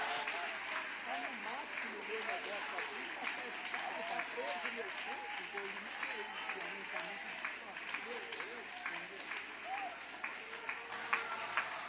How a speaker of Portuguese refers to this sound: Aleluia! Vai aplaudindo, vai louvando, vai exaltando, vai glorificando.